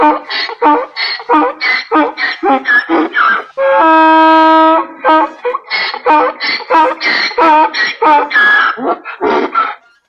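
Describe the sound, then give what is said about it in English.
A donkey brays loudly in a long, rhythmic run of harsh, squeaky honks, broken midway by one sustained, droning note, then more see-sawing brays until the end. “That was a donkey braying.”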